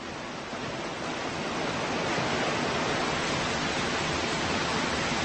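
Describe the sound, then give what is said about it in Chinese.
A rushing waterfall, where more than 60 brown bears gather for a yearly salmon feast, roars steadily as a dense, unbroken wash of water noise, loud, swelling slightly after the first second and then holding constant with no voices. “60多只棕熊聚集到瀑布，来参加这一年一度的鱼肉盛宴。”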